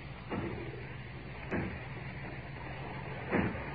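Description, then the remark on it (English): Three heavy, dull thuds at uneven intervals as people break down the factory door, each a broad booming bang over a steady low rumble, with no voices. “As if they were breaking down the door. Aye. Yes, that's what they're doing.”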